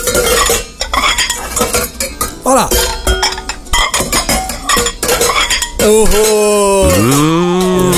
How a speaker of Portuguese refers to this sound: Alô, meninas que tá na cozinha aí do Jé e Dona Restaurante e Pizzaria. O que as meninas tá fazendo? Ah, tá lá mexendo nas panelas lá, né? Mexendo nos pratos.